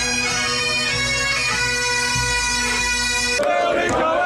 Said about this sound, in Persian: خیابان‌های میامی تحت تسخیر هواداران دو آتیشه اسکاتلند.